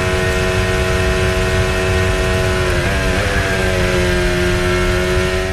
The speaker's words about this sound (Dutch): Terwijl we hier bij Antonelli aan boord waren. En dan klonk het eigenlijk alsof die motor wel gewoon vol door bleef gaan.